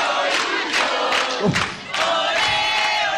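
Football fans cheer and chant together in a loud, continuous roar of many voices, with a brief lull in the middle before the crowd noise swells back up.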